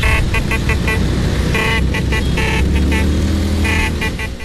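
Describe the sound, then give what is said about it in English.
A steady rumble of Vespa scooter engines with horns tooting repeatedly in quick, uneven bursts, loud, as thousands of scooter enthusiasts gather in Rome, Italy, to celebrate the 80th anniversary of the Vespa; no voices. “Thousands of scooter enthusiasts are in Rome this weekend to celebrate the 80th anniversary of the Vespa.”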